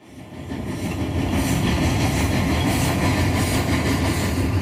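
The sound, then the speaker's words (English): A train rolls along railroad tracks, its heavy, continuous rumble swelling in the first second and then holding steady and loud, with a faint rhythmic clatter of wheels throughout. “There's trees, there's railroad tracks, and there's a short railroad track just for the school cart.”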